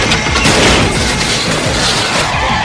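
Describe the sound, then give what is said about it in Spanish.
A loud, sustained explosion roar, watched from a distance, with deep rumbling and dense crackling noise that fills the whole moment without letting up, and no voices. “Rey mira la explosión de lejos.”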